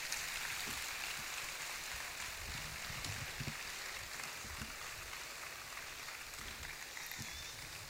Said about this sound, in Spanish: Entonces me gustaría pedir un aplauso para él y para …, que también se nos fue ayer, cantador de Jerez, de manera inesperada. Un aplauso para los dos.